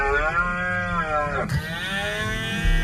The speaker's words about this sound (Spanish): Durante estas semanas, además, el parque vive uno de los momentos más especiales con la berrea.